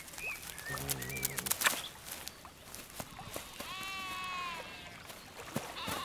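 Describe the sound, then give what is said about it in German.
Sheep that tend the old cultivated land at the Hirtenberg bleat twice with wavering, harmonic-rich calls, a low one early and a higher, drawn-out one later, over an outdoor background of birdsong and scattered clicks. “Das alte Kulturland am Hirtenberg wird von Schafen gepflegt.”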